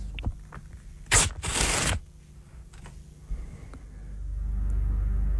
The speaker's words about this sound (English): I'm going to rip some paper. I've got a little bit of a... Like, it's more than one, I will say. Okay. You've got to tell me how many pieces of paper I'm ripping.